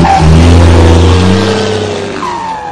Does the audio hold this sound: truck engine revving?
yes